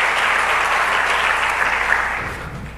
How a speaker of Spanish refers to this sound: Un aplauso para este varón que me ayudó también.